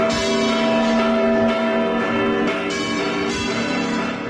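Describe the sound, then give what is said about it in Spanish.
Church bells of the Giralda, the tower of Seville Cathedral in Seville, ring out in a special peal for Saint Peter's Day, 29 June, their overlapping metallic tones sustained and loud throughout, a continuous wash of chiming with no voices. “que tiene a la Giralda, la torre de la Catedral de Sevilla, como protagonista y que se celebra el Día de San Pedro, el 29 de junio, ya desde la medianoche, es decir, del domingo al próximo lunes, y que tiene incluso un repique especial de campanas.”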